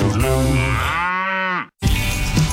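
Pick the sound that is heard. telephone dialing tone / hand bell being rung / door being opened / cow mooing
cow mooing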